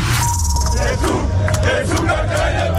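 Hundreds of Germany football fans at Times Square in New York chant and shout together ahead of Germany's last group match against Ecuador, in a loud, continuous roar, with rising and falling voices blending into a dense wall of sound.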